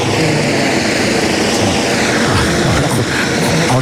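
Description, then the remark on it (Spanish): A loud helicopter roars overhead in Ceuta, Spain, its rotor chop and engine noise steady and filling the whole stretch before it leaves, with no voices. “Ahora se nos ha posado encima un helicóptero, pero ya abandona el lugar.”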